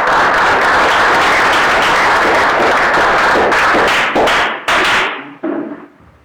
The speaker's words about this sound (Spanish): Lo recibimos con fuertes palmas también.